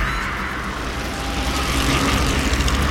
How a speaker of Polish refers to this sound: To chyba kolażówka była, panie. Szum opon na drodze albo w lesie.